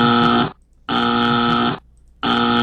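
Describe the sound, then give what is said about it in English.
A loud, harsh game show buzzer sounds three times in quick succession, each blast a flat, raspy drone separated by short gaps of silence, with no voices present. “That's a three buzzer.”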